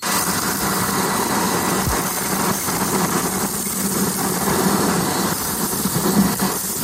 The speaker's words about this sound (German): Ja, und die nächsten Sekunden gehören mal hier dem Staubsauger. Bitteschön.